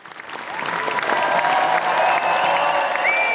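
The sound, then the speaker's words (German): Minutes-long standing applause from the premiere audience of the play Die Hunnenkönigin at the festival in Worms, dense and steady after a quick swell, with scattered whistles and faint cheers rising over the clapping. “Minutenlanger stehender Applaus des Premierenpublikums.”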